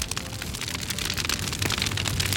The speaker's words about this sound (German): Großes Lagerfeuer zur Sonnenwende und ja, da kommen schon noch ein paar Gedanken an Gewitter und Regen dazu, wie das im Pinzgau heute ablaufen wird und soll.